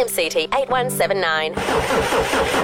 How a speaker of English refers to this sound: Car won't start. Looks like it's pulled a sickie.